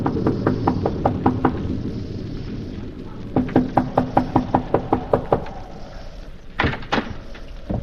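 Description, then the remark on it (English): Loud knocking by a traveler on the wooden door of the Wharton farmhouse, a lonely cottage overlooking a valley in Westchester County, early in the evening as a storm approaches: two rapid bursts of about eight sharp raps each, then a couple of heavier thuds, over a low rumbling background like wind or rain. “As a solitary traveler makes his way to the Wharton farmhouse, a lonely cottage overlooking the valley, he knocks at the door.”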